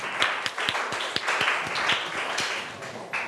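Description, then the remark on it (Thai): A group of students in a classroom applauds a classmate for a few seconds, a dense, steady patter of many hands with a few sharper individual claps standing out. No one speaks. “โอเคค่ะเอาขอเสียงปรบมือให้เพื่อนของเราหน่อยค่ะ”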